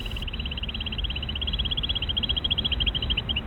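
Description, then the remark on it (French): A played recording of a female bird's trill: a rapid, steady string of short, high-pitched notes running for several seconds over a low, rumbling background hiss, with no voices. “Alors là, je vous montre d'abord juste théoriquement à quoi ça ressemble les petites trilles que les femelles peuvent faire justement lorsqu'elles entendent des postures.”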